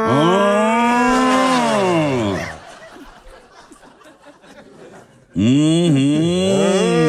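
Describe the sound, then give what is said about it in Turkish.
Loud snoring from a recording sent in by a listener: two long, rasping, droning snores with a pitched, almost mooing tone, separated by a few seconds of quieter breathy noise. No one talks. “Bugünkü horlamayı da aldık, rahatladık.”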